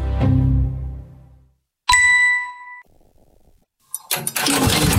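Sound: tractor engine starting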